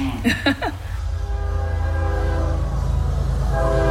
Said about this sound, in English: The 1119 train runs through town till about 1122. The train, locals love to say, is the reason this town is called Central. It's halfway between Charlotte and Atlanta on the old train lines.